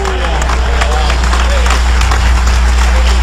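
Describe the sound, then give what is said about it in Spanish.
An audience claps and applauds together in praise of the Lord, a loud, dense, steady patter of many hands with a few sharper claps standing out, over a low background hum and faint crowd murmur. “Dale ese aplauso y alabanza al Señor.”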